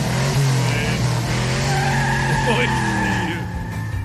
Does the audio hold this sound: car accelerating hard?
yes